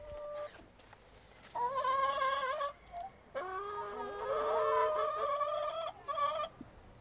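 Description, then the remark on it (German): Chickens in a garden cluck and squawk in several drawn-out, warbling bursts separated by short pauses, with a quiet outdoor background and no talking. “Dann waren wir noch kurz im Garten. Hühner, ein Kanickelstall.”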